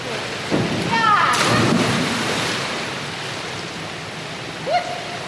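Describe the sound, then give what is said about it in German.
A single loud splash as a diver jumps with a swing from the three-metre board and plunges feet-first into pool water, arms stretched along the body, followed by a rushing, churning wash that slowly fades, with faint voices echoing in the background. “Sie steht an der Spitze des Dreierbretts, springt mit Schwung hoch. Ihre Arme sind an ihrem Körper gestreckt und mit beiden Füßen voran taucht sie ins Wasser.”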